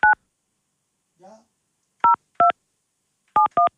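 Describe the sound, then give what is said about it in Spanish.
Five short, clear telephone keypad tones sound in irregular bursts, some singly and some in quick pairs, as someone dials to call a person back, with a brief murmured voice in a quiet gap between them. “llámalo de vuelta para ver si...”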